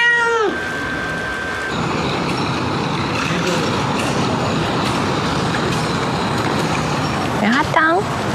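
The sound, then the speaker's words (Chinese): A cat with a bald patch above its eye meows twice, once right at the start and again near the end, each a short rising-and-falling cry heard over a steady, loud background rumble. “它不是猫癣，我可以确定。做个驱虫，直接放归。”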